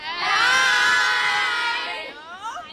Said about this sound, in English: We have a whole bunch of kids from Grey Primary School. Can I get you all to say hello?